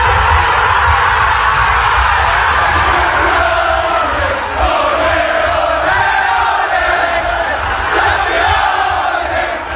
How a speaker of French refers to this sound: Les cris de joie, la délivrance hein, même. Ce sont les joueurs de foot d'Arsenal hier soir que l'on entend vers 22h30 à Londres au moment où ils ont compris qu'ils étaient donc champions d'Angleterre.